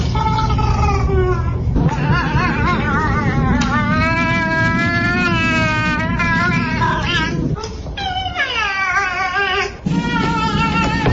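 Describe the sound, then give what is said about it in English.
Bean, an orange cat, meows loudly and insistently, long wavering yowls with rising and falling pitch, several calls in a row over a steady low background hum. “I didn't expect to hear those meows.”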